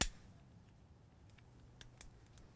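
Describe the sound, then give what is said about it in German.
Several quick, dry clicks and scrapes from a lighter, the third one tried, being struck over and over to light a stove at an alpine hut in the Upper Bavarian mountains on a rainy day, coming in an uneven cluster against a quiet, low background hum. No voices. “Sie ist bei Feuerzeug Nummer 3.”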